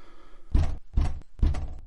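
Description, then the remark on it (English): Three heavy knocks on a wooden cottage door, evenly spaced, each a dull thud with a short resonant tail, with no voices. “I knocked.”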